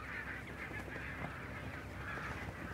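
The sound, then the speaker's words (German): A dense chorus of thousands of barnacle geese grazing on protected pastures by the aircraft factory west of the harbour on the North Sea coast, honking continuously, many overlapping yapping calls forming a steady, bright babble with no pauses and no voices. “Beim Flugzeugwerk westlich des Hafens äsen tausende Nonnengänse auf geschützten Weiden.”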